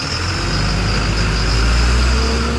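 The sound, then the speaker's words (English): A diesel school bus engine, from a school district fleet in Jefferson County, Colorado, rumbles steadily, a loud, constant low drone with a faint whine above it and no voices. “About 9 out of 10 run on diesel fuel, like this one.”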